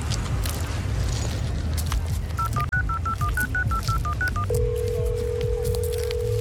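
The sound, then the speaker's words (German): A quick run of about a dozen keypad beeps as a number is dialed on a mobile phone to call someone at a clinic, followed by a steady ringing tone, all over a loud, rumbling background din. “Wie gut, dass es Handys gibt.”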